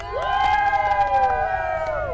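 A crowd of Brasiliense football fans in Brasília cheers and shouts together in one loud, sustained roar of many voices that swells up quickly and holds steady.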